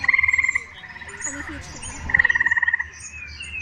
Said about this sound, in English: Here's a recording of eastern gray tree frogs.